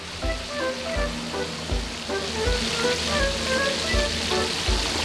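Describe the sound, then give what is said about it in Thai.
Fish frying in hot oil over a very high flame in a full pan, a loud, steady sizzle full of crackles and spattering oil, with soft low thumps recurring every second or so; no voices. “อ้กระเด็นระวังกระเด็น หูหนักมากครับตอนนี้ไฟแรงจัดนะฮะร้อนครับแม่ก็ไม่ไหวเหมือนกัน พอเลยพอเลย เต ็มกระทะ เต็มกระทะแล้ว”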